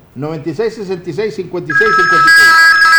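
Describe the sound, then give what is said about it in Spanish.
A telephone starts ringing partway through for an incoming call, a loud, steady electronic trill that rings on to the end while a man keeps talking over it. “Más llamadas telefónicas.”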